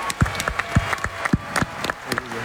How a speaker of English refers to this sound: Giannis, Thanasis, you guys did that this summer, winning, get ready for a round of applause here, winning a bronze medal